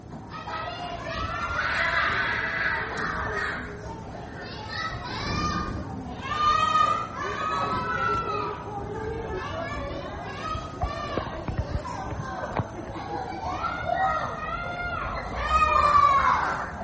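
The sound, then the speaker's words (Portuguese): Many children's voices chatter, shout and squeal together outdoors at a daycare on Rua Itapuã, in front of a shop, in the São Martim neighbourhood, recorded on 7 August 2026. The high-pitched calls overlap in a busy mix, rising and falling without pause for the whole stretch, with a few louder bursts. “Hoje a gente vai ouvir a paisagem sonora da creche na rua Itapuã, em frente à loja, no bairro de São Martim, no dia 7 de agosto de 2026.”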